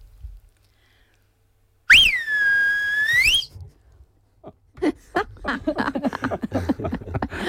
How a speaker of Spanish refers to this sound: ¿Aprendiste a silbar? Ya sabía porque soy de barrio y hay que... Pero a ver, ¿cómo le silbabas a las ovejas? ¿Te silbo aquí? Por favor.